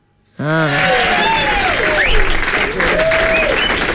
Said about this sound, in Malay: Tu dia, saya bagi tepuk tangan.